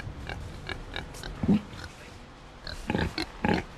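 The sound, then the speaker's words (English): Pigs grunt and oink in short, irregular bursts, a few snorts clustered toward the end, moderately loud against a low background rumble with no one speaking. “Bye, pigs.”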